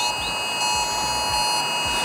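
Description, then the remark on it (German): A loud, harsh mobile phone emergency alert tone blares continuously, sent at 11 a.m. on Germany's nationwide warning day (Warntag), including in Bavaria; a steady buzzing, multi-tone shriek with no pauses and no voices, piercing throughout. “An einem Donnerstag, an dem viele im Freistaat wieder erschrecken werden, inklusive mir, wenn am Vormittag um 11 ein Geräusch wie das hier aus unserem Handy kommt.”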